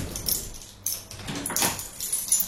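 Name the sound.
keys jangling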